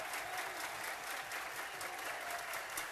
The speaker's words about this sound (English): Crowd roaring at the Joe.